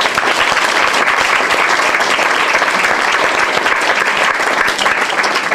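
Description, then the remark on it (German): Sustained audience applause for the poet and prose writer Roman Israel, a dense wash of many hands clapping at steady loudness throughout, with no voices standing out. “Applaus für Roman Israel!”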